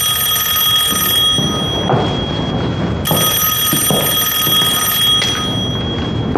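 A telephone rings with a bright, insistent electric bell, two long bursts separated by a short pause, loud, with no voices; a call from the Liuguo Hotel (Six Nations Hotel).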